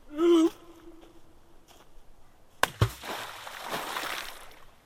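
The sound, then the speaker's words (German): A stone plunks sharply into deep water with a heavy splash, followed by a churning, sloshing wash that lingers for a couple of seconds. A brief, high whine sounds just before. “Tiefes Wasser schluckt den Stein.”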